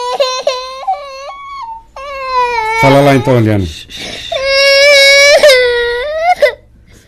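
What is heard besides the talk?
baby crying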